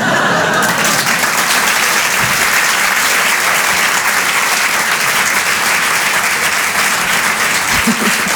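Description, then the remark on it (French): A loud, sustained burst of audience applause for comedian Sandrine Sarocche at the Rire et Chansons Comedy Club, Apollo Théâtre, Paris; dense clapping from a large crowd that stays steady and full for the whole stretch without any voices breaking through. “Un peu d'applaudissements très fort, Sandrine Saroche sur Rire et Chansons, en direct et en live.”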